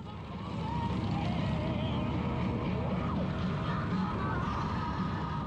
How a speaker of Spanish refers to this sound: Luego de disfrutar las calles de esta ciudad, este Madrid nocturno en motocicleta